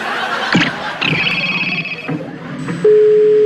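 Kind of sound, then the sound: signal or alarm, telephone line tone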